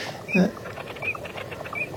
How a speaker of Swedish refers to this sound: Har vi inte dvärgbäckasinen? Ja, det är bakgrunden.